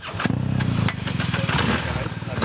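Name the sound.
motorcycle engine running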